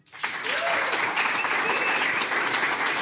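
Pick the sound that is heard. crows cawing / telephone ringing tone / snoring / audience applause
audience applause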